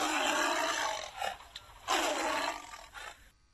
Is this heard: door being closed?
no